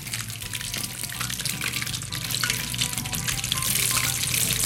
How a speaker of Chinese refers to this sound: 好，我们再让它炸。